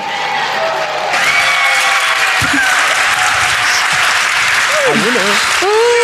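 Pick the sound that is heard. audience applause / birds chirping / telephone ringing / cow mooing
audience applause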